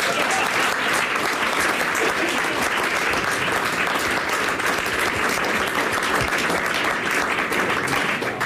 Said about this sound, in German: An dieser Stelle Applaus, während wir uns hinsetzen.